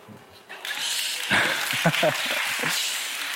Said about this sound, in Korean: 미국에서 온 것만으로도 박수를 받는 곳이군요.